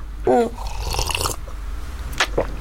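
A close, wet slurping sip followed by a couple of soft mouth and swallowing noises, with a faint vocal sound at the start and a quiet low hum underneath.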